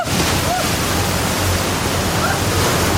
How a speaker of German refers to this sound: wo sie so eine künstliche blaue Welle haben, von der aus wir gesendet haben. Die Fluten sind reißend. Es ist wirklich, als würde ich in einem Orkan stehen, mitten in einem sehr, sehr tiefen Wasserfall.